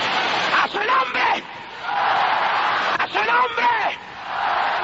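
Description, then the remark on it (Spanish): An audience shouts loudly and continuously in worship at a night service, shouting in the Spirit, a dense wash of many voices with a few individual cries rising above the roar in two bursts. “la mejor noche que oído este pueblo gritar en el espíritu.”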